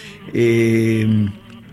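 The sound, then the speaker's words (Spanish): A violin bowed to make a harsh, scratchy buzz imitating a cicada, the tango 'chicharra' effect: one loud sustained stroke lasting about a second, heard on its own without any talking. “Eso suena una chicharra hecha con el violín, sí, bien, sí, tanguero.”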